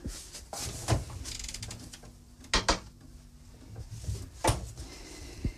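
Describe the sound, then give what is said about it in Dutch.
A refrigerator door opens and shuts as something is put inside to chill while a dessert is made, with a few sharp thuds and clicks spread over a few seconds amid quiet kitchen handling noises and a faint low hum; no one speaks. “Ik zal dat nu eventjes in de koelkast leggen.”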